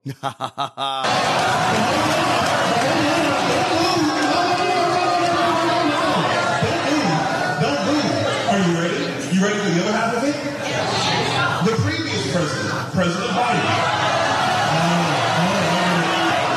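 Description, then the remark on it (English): A large crowd at a Byron Donalds town hall boos and shouts over each other in a loud, continuous roar of many overlapping voices that holds steady for about fifteen seconds after a few brief opening thumps. “This is a crowd there went to see him at a town hall.”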